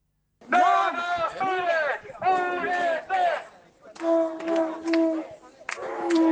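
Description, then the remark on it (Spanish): A street protest crowd in Arrecife, Lanzarote, marching under the slogan "Porque nos cuesta la vida" in defense of real democracy, chants loudly in unison. Rhythmic shouted phrases repeat in bursts with brief pauses between them, and many voices blend into a strong, continuous roar. “Sonido en directo en Arrecife, en Lanzarote, sobre la protesta.”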